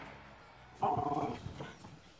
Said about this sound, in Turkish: Hiçbir şey taşımıyor, yaramaz şey. Havlamayı kes, tamam mı? Babaya gel ve otur. Otur bakayım. Otur.